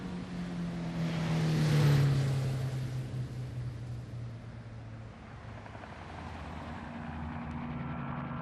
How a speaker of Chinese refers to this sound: 机场上，一辆军用运输机引擎轰鸣，准备起飞。